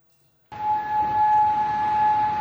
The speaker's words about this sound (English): Well, after those U.S. strikes on Iran, air raid sirens were heard in Kuwait and Bahrain.